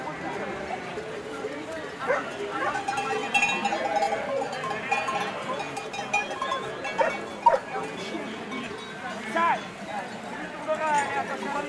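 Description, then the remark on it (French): A Mérens horse in a calm mountain setting, with scattered clinking bells, soft hoof-like knocks and faint animal noises over a steady outdoor background, plus some murmured voices. “Un cheval de Mérins.”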